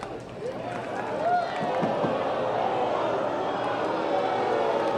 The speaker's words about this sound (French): La foule qui n'est pas d'accord.